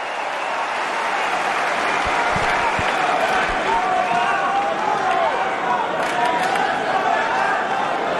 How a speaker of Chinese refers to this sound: 刚刚这个正手站定了以后啊，这一拍直线打得非常有质量，现场的观众也是报以热烈的掌声。